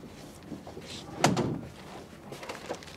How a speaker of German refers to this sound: Ich habe die Tür zugeworfen, ja. Na und? Hat mich so in Wut gebracht, da... Da habe ich ihn einfach stehen lassen und habe die Tür zugeworfen und bin weg.